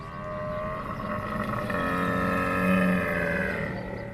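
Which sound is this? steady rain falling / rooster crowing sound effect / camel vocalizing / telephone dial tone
camel vocalizing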